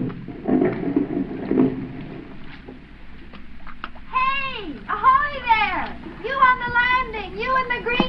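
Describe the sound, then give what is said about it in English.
A big speedboat's motor sputters in rough, uneven bursts for a couple of seconds as it misfires, then dies away into quiet just offshore on a lake, followed by high, sliding vocal sounds. “The motor was missing. It conked out just offshore.”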